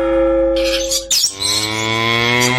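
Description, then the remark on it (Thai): A water buffalo, being led to graze at a playground in a neighbouring village, lows in a long, deep, sustained call that shifts pitch midway and carries on steadily, loud, with faint bird chirps in the background. “จูงควายไปไหนล่ะ”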